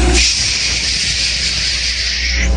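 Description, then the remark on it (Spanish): A voice imitates rain falling sideways in the wind during a storm with one long, steady, breathy hiss that holds for over two seconds at even loudness, then stops abruptly. “Y el agua caía así.”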